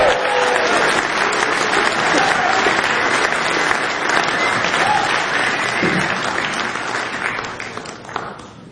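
Sustained audience applause from a sizable crowd, dense steady clapping with scattered whistles and cheers, holding strong for several seconds before thinning slightly toward the end.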